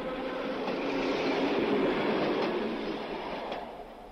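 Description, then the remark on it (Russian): An electric commuter train rolls along steadily with a broad, continuous rumble, swelling slightly then easing off, with a few faint clacks of the wheels over the rail joints and no voices; the train runs from Finland Station in Leningrad toward the Karelian Isthmus. “А когда электричка отстучала свое на стыках рельсов, оказалось, что пора идти пешком.”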